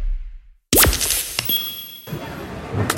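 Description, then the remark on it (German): A sudden hard smack against a hard surface, followed by brief clattering and tinkling debris and a thin ringing tone, as a mobile phone is dropped and breaks and will not turn back on, fairly loud. “Oh nein, mein Handy. Oh komm schon, geh wieder an, komm.”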